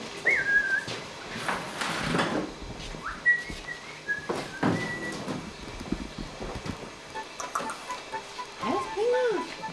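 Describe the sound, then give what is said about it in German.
A magpie calls indoors in a kitchen: scattered whistly chirps and short harsh bursts, moderately loud, with faint voices and household noise in the background. “Ich meine, Banane ist ja nicht so das Elsterfutter, aber ich möchte auch kein Stück Fleisch geben.”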